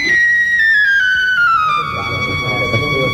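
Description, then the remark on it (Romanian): A whistle blown in one long, loud, steady tone that slowly glides downward in pitch for about three seconds, with some low muffled background noise building toward the end. “Ce se aude? Un fluier, augustitate!”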